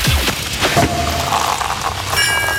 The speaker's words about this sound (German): Weil wenn ihr bei uns die Sektkorken knallen hört, das Ganze klingt dann so.